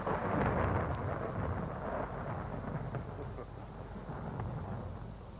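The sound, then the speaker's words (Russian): A deep, continuous rumble of thunder from a storm gathering outdoors rolls on steadily for several seconds, heavy in the low end with a faint wind-like hiss above it and no voices. “На дворе гроза собирается.”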